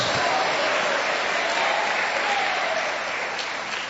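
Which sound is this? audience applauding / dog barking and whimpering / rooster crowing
audience applauding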